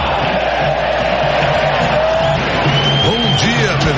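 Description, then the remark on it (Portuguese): A loud, steady roar from the stadium crowd at Allianz Parque after Palmeiras score their fourth goal against Júnior Barranquilla, six minutes into the second half, fills all four seconds, with shrill whistles and rising, chant-like shouts sliding over the dense wall of voices. “É que o som da torcida estava muito alto e a gente isso.”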